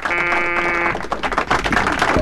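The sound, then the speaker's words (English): A harsh, steady game show buzzer, pressed repeatedly, blares for nearly a second, then cuts off into a stretch of loud, scattered noisy bursts. “You don't have to keep buzzing that thing.”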